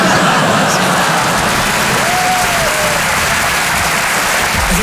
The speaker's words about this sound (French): Non, non, n'applaudis pas. Tu sais pas ce que je veux dire.